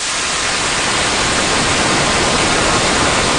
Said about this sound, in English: the same thing with white noise. What you'd get is a display of frequencies across the audible spectrum.